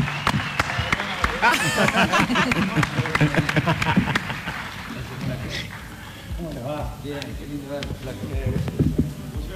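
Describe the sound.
Scattered hand clapping, sharp and uneven, welcoming a guest on a show streamed on YouTube, runs through the whole stretch while several people talk and laugh over it, the claps thinning out toward the end.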